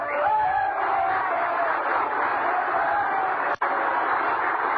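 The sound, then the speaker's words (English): A large crowd of miners roars with cheers and applause after a singer's song, a dense, loud and continuous wall of clapping and shouting that cuts out for an instant near the end before resuming. “She touched her lips with her hands, and with tears in their eyes, the miners thundered their applause.”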